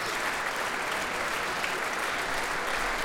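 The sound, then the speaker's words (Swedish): Sustained, dense applause and cheering from a large concert audience in Berwaldhallen, Stockholm, for the orchestra after Camille Saint-Saëns' third symphony, steady and continuous throughout with no pauses or voices standing out. “Det blir en runda till för Emilia Hoving som nu tar sig upp på dirigentpulten och i samma steg reser på orkestern ytterligare en gång för att ta emot publikens jubel här i Berwaldhallen i Stockholm.”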